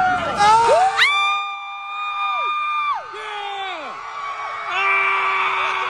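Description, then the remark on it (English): A group of people at a scream club gathering let out long, sustained screams and cheers together at a set time, several voices holding high yells for a few seconds each before trailing off, then a fresh burst of shouting rises at the end. “No, that sounds too much like cheering to be in Dallas.”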